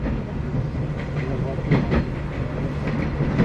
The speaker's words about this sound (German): Das ist schön mit diesem Klick, Klack, Klick, Klack. Wie zu DDR-Zeiten in den Zügen so.